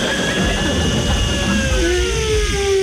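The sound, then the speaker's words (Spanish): A voice imitates a hotel hair dryer with a steady, loud breathy roar and a thin whine that rises in pitch toward the end, held without a break for about three seconds. “¿Cómo hace el secador del hotel”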